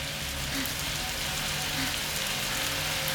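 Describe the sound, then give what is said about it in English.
Steady hiss of shower water spraying down on a naked woman, washing goo off her, a dense continuous patter of droplets hitting a hard surface, with no voices. “As water rains down, the goo washes away.”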